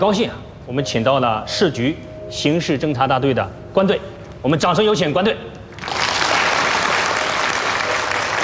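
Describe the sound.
A man speaks for several seconds, then an audience breaks into loud, sustained applause, a dense steady clapping that carries on to the end.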